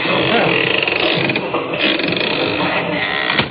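A door creaks open in one long, rough, grinding movement that holds at a fairly loud, steady level for a few seconds, with small ratcheting catches and a short sharper scrape at the end.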